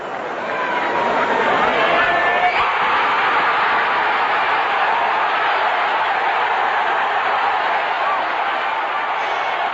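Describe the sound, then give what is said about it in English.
A home stadium crowd of 70,000 Canadian fans roars and cheers as 20-year-old Joy clears 2.23 meters in the high jump, a loud, continuous wall of sound that swells slightly early on and holds steady, with faint whistles and clapping mixed in. “As you heard that enthusiasm from the crowd, they knew that Joy had the silver for sure and still had a chance at gold, which Joy had predicted would be won with a 2.25 meter jump.”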